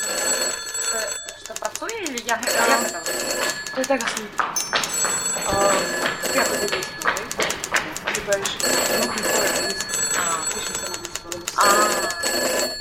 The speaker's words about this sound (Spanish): Entre todos, ¿podéis coger los malditos teléfonos? Xa vexo que non.